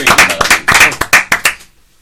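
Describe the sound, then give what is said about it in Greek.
The small group of hosts of a radio show claps for their sound engineer for about a second and a half, a dense, uneven patter of sharp hand slaps that stops abruptly into silence. “Να χειροκροτήσουμε εμείς.”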